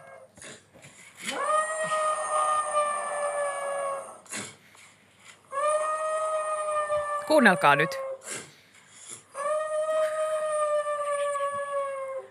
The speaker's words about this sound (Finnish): Se koira on niin kuin sitä mieltä, että just ei tavallaan kannattaisi nukkua öisin, vaan vaikka ulvoa ambulansseja. Niin siis mä niin monta kertaa heräsin tällaiseen ääneen.